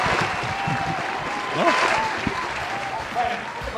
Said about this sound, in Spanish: ¡Un aplauso